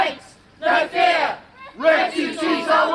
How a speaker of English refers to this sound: they're marching towards this facility where unaccompanied minors, asylum seekers, have been housed in this town. They're a loud crowd, but it's clear they're more noise than numbers. And you do see locals coming out to confront them.